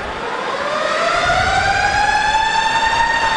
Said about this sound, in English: The arena siren started blaring as the ref was just about to announce the results of a play that was under review